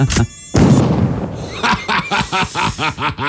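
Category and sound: insect, mosquito buzzing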